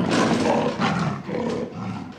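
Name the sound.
animal roar sound effect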